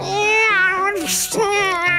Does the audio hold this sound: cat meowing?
yes